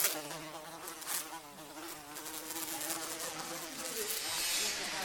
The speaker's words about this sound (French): On pourrait entendre une mouche voler.